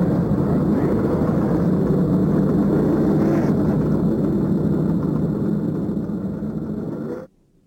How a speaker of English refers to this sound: Gentlemen, start your engines. There's the command of …. And the engines roar to life.